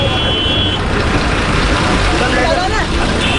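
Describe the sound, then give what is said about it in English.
A large bus engine rumbles loudly and steadily as it moves through busy street traffic, with a dense wash of road noise and some indistinct voices mixed in, as someone jumps onto the moving bus to escape a chase. “I jumped onto a moving bus and escaped.”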